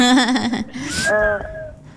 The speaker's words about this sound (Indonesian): Ada bayi-bayi. Iya, ada bayi di rumah.